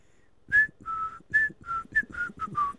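A person whistles a short, bouncy tune of about eight distinct notes, clear and close, alternating higher and lower pitches with brief gaps between them, with no talking.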